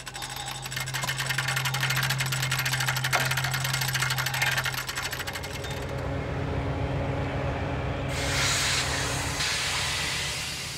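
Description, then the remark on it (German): A locomotive shunts freight wagons at the small station of Enzesfeld-Linderbrunn, distributing wagons onto siding tracks and picking up others: a steady engine drone and dense mechanical clatter with hissing, then a loud rush of released air near the end. No voices. “Die Zuglok verteilt Wagen auf Anschlussgleise und nimmt andere Wagen wieder mit.”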